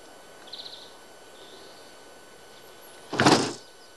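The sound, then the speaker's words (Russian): A closed door is tried: one short, loud rattling knock of wood and hardware near the end, after a quiet stretch with a few faint high chirps in the background. “Подходит к двери, дверь закрыта.”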